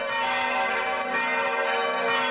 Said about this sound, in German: Erst einzeln und dann im Plenum. Im Plenum, also alle zusammen, klingen die Glocken von Bruchweiler besonders opulent.